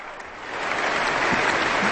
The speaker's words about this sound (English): The audience has leapt to its feet, warmly applauding and cheering Rafael Payare and the orchestra.